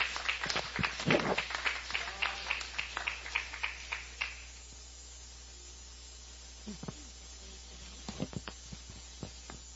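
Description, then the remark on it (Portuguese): A church audience applauds in a quick burst of many clapping hands, welcoming a female church member and the children, fading after a few seconds, followed by a few scattered, quieter claps. “juntamente com as crianças, recebe a serva do Senhor com palmas de vitória.”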